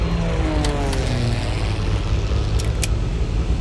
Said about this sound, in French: Le boucan d'enfer que tu entends, c'est un Twin Otter, un petit avion à spatule pour se poser sur la glace. Il a décollé il y a 2 heures de Resolute Bay, un village inuit situé tout au nord du Canada.